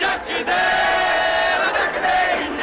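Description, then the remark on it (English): A large crowd of protesters erupts in loud, sustained cheering and shouting as they learn they have won, with many voices overlapping in high-pitched whoops and cries of celebration that stay intense throughout. “This is the moment when the protesters found out they'd won. What followed was a party.”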